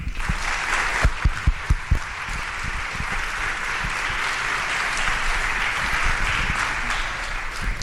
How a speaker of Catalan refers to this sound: Llavors, tot i que heu aplaudit, sí que us volia demanar que m'acompanyessin en aquest aplaudiment global, tant per la comissió sortint com per la comissió entrant, per donar-li les gràcies per tot aquest esforç que fan per tots.